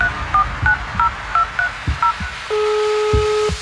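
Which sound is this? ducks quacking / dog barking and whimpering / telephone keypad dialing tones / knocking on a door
telephone keypad dialing tones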